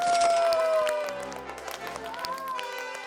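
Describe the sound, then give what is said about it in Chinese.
An audience claps, a steady patter of applause that starts loud and tapers slightly, mixed with sustained musical tones and some voices. “好，大家掌声欢迎他们。”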